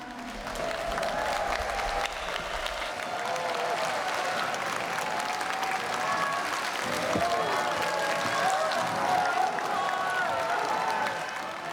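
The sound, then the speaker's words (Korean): A crowd applauds steadily while audience members shout out scattered chuimsae, Korean encouraging exclamations, now much louder than at the start of the show, a dense, loud wash of clapping and cheering that holds for the full stretch. “처음 시작보다 훨씬 추임새 소리가 커졌잖아요.”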